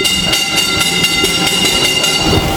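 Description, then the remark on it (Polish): An underground mine train rumbles along rails 212 metres below ground on the fourth level, called August, of a Polish mine, its wheels clacking in a quick, steady rhythm over a loud metallic hum and high squeal, with no voices. “Mamy tory. Jeszcze jeździ jakiś pociąg?”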